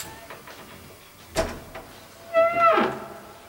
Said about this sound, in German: Kette vor die Tür und öffnete sie dann vorsichtig.